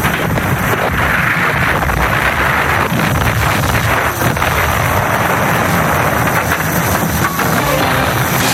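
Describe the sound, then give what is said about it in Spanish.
A steady, loud roar of warplane engines during fierce aerial combat over the Bay of the Seine, droning continuously with a rough, gusty edge, with no voices. “De puente angloamericana en la bahía del Sena se entablan encarnizadas luchas aéreas. Rubrican el espacio las estelas de humo de los aviones y los proyectiles antiaéreos.”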